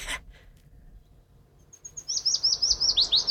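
A willow warbler sings a short, sweet phrase: a few thin opening notes, then a rapid run of about eight slurred whistles that drift gently downward, clear against a quiet background.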